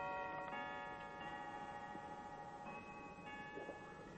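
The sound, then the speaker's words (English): A clock in a house chimes with sustained, ringing bell-like tones that overlap and decay, new strikes entering every second or so over a faint background hum. No one speaks. “To the memories, to the now silent ducts, to the still chiming clock.”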